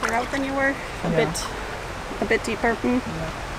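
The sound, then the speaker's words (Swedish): Steady rushing of stream water swirling around feet wading in the current of a stream lined with alder trees, a continuous hiss throughout, with a person talking over it in short phrases. “Och här längs ån växer alträd som släpper sina löv ner i vattnet.”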